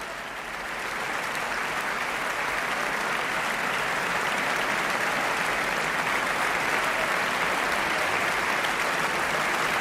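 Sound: audience applause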